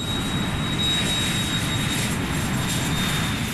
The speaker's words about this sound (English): When my parents moved near JFK Airport, I would watch the planes flying overhead and imagine them taking me to India so I could find Aunt Michelle.